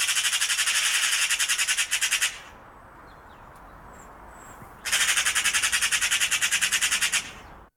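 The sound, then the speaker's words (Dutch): A bird call heard in a garden in Jamaica, in two long bursts of rapid, buzzy high-pitched pulses, separated by a short quiet gap with faint chirps, loud with no one talking. “Daar komt vogel 2.”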